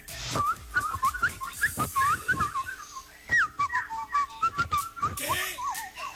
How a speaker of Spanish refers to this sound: No, está muy verde ese chiflido.